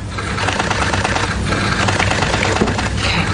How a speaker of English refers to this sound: That applause you hear is for Maryland Governor Maura Healey's signing of another sweeping abortion bill